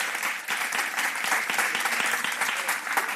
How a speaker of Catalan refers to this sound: Estem parlant de Danny DeVito. Podeu aplaudir.